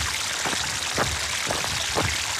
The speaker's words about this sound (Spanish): Ya se oye la cascada, ya veo los próximos compañeros de paseo en esta ruta por Itxina.